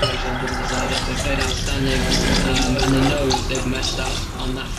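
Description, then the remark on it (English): A glass of vodka and orange is poured steadily over ice, a continuous, fairly loud splashing trickle, with voices talking over it throughout. “There's a moment in the film where I'm filming downstairs and you can hear on my dad's radio mic that he's pouring a very, very stiff vodka orange.”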